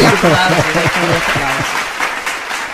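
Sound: applause sound effect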